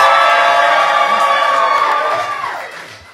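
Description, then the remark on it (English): A crowd of Black Tony fans on the Rickey Smiley Morning Show cheers and whoops loudly in a dense, sustained roar of many voices, holding steady for a couple of seconds before tapering off toward the end. “Make some noise.”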